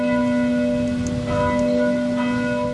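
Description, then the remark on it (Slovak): Church bells of the neighbouring parish church directly beside a school ring out steadily, their sustained metallic tones overlapping in a continuous, resonant peal that fills the whole stretch with no voices present. “zvoni so, kaj so bych moj to skazavoj, ze susodnije vosadnije cirkvije direktnje podla šule pšipodnjo.”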